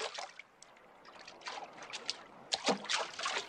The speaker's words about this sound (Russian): Сделав один шаг немного в сторону, проваливается в воду. Залезает на отмель, невидную под водой.